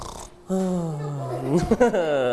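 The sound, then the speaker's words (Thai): A teacher imitates snoring during a lesson for children, with a long, low, buzzing drawn-out tone that wavers and rattles briefly before trailing off, steady and fairly loud. “อย่างนี้เห็นไหมนี่คือการกรนนะครับ”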